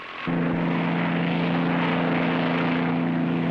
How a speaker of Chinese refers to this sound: 马丁驾机起飞了